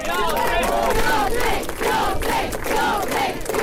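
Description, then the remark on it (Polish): Thousands of fans on the outskirts of Gdańsk, Poland, cheer and shout loudly and continuously to welcome the cyclist Łatwogang on the last kilometres of his route, many voices overlapping in a dense, roaring din with rising yells throughout. “Już na przedmieściach przywitały go tysiące fanów.”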